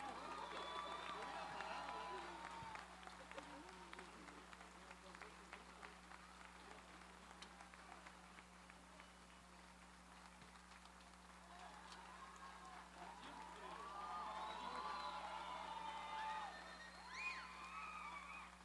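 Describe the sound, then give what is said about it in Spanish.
A crowd applauds the Orquesta Sinfónica de Alientos de la Guardia Nacional after its concert, clapping steadily, with whoops and high whistles rising at the start and swelling again near the end, while voices mingle faintly under the clapping. “Fuerte los aplausos para la Orquesta Sinfónica de Alientos de la Guardia Nacional.”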